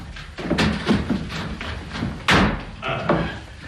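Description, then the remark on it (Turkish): A door is opened with a series of sharp thuds and rattles, a heavier bang midway, then a couple more clunks as it swings and settles. “Açın kapıyı. Geldim, geldim.”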